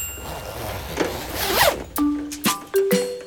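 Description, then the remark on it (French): A raspy zipper pulls up a raincoat in one rising stroke as the character Toudou puts it on to go play in the rain, followed by three bright, bell-like musical notes in quick succession. No one speaks. “Il enfile son imperméable.”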